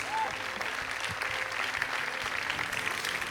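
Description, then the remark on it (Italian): Steady audience applause for Arturo Cirillo receiving the Flaiano International Prize for Le false confidenze, a dense wash of many hands clapping at an even level throughout, with a brief whistle-like tone near the start and no speech. “Si prenda gli applausi del pubblico, meritati per questo premio.”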